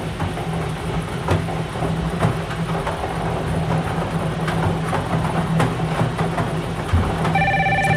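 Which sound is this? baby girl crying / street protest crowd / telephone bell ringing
telephone bell ringing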